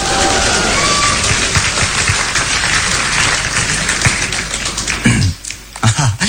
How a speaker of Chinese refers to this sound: 感谢朋友们热情的掌声。 你看这掌声多热情啊！